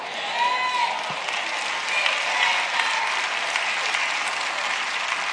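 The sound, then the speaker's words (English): A large crowd applauds with dense, steady clapping that holds at a fairly even level throughout, with a few faint cheers or whistles mixed into the noise. “The claps are getting lower and lower and lower.”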